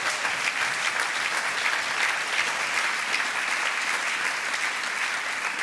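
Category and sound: crowd, applause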